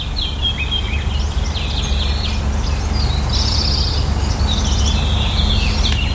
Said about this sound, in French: En fait, moi, je vis avec les oiseaux ici.